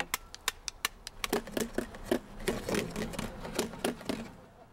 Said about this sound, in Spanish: Kevin y Emma estaban golpeando unos platos e hicieron un sonido agradable.